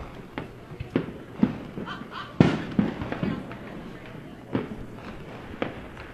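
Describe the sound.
Fireworks go off in a string of sharp, booming pops at irregular intervals, some louder than others, with faint voices murmuring underneath.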